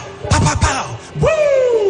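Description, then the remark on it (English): A voice imitates gunshots with two quick, punchy mouth-made bursts, the second stretched into a falling, drawn-out tone, with no real gunfire. “Heard errant gunshots.”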